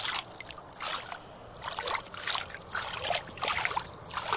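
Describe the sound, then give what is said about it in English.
Water splashes and trickles steadily at a rock in Kamyai where the water is low, with bright, bubbly bursts rising and falling every second or so as it pours into something being filled, no voices over it. “Gonna just fill the water.”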